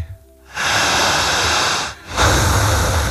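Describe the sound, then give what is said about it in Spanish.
Two long, deep breaths during a breathing exercise for hypnosis induction: a sustained airy inhale lasting about a second and a half, a brief pause, then a strong rushing exhale, with no talking. “Como un suspiro más profundo. Siga respirando.”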